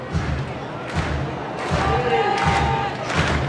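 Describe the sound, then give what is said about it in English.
Baseball fans clap together in unison with two outs in the top of the ninth inning, Binghamton ahead by one, sharp collective bursts landing at a steady beat under a constant murmur of fans, with a whistle-like tone rising briefly in the middle. “The fans clapping in unison.”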